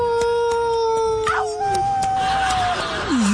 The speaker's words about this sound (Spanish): Nos trasladamos hasta el viejo oeste. El sol cayendo a plomo, un calorón. Los coyotes aullando a lo lejos.